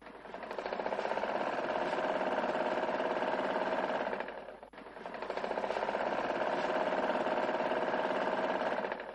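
A sewing machine runs steadily in two long bursts with a brief pause between them, its rapid mechanical whirring and stitching clatter continuous, with no voices, as a tailor makes a quick repair to a child's school uniform, fixing a missing button.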